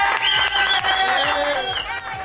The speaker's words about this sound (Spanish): ¡Aplausos para Charlotte!